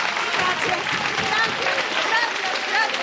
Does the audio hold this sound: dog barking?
no